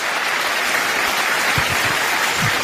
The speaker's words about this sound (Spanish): Si ese aplauso es para el Señor, tendría que ser mejor que eso.